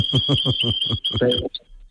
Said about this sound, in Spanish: Este es un agapurni que tengo ahí que siempre no me va a escuchar y no calla nunca.